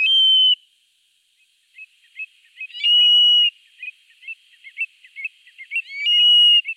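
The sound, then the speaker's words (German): Eurasian stone-curlew calling at night at the Salziger See in hot weather: loud, clear whistled cries in three long drawn-out bursts, with a rapid series of shorter whistling notes in between, heard alone with no talking. “Das ist auch schwer, so ein Triel zu sehen, denn der ist 1A Tarnfarben.”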